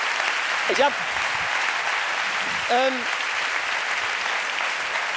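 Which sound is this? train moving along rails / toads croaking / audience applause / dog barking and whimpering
audience applause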